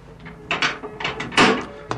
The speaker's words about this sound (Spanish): Suena un aldabonazo.